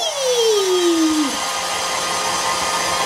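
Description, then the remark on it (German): A hair dryer blows steadily while drying a person's hair, a loud continuous whoosh of air with a motor whine that drops in pitch during the first second before settling into a constant roar. “Gut, jetzt mal deine Haare föhnen.”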